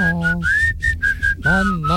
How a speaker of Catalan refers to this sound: li heu demanat que xiulés una cançó i ha quedat patètic.